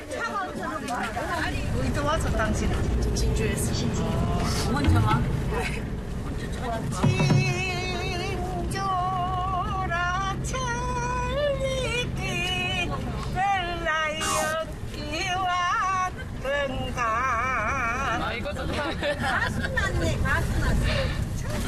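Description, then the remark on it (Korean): A packed bus full of elderly passengers rumbles along with a steady low engine drone while many passengers chatter and laugh over one another in a lively, crowded hubbub. “좁고 불편한 만원 버스에서도 웃음이 넘치는 사람들.”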